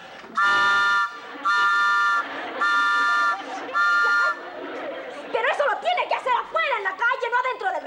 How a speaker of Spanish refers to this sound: ¿Y qué no podía hacer lo que hacen todos los carteros? ¿Qué? Pues tocar el silbato para avisar que ya llegaron.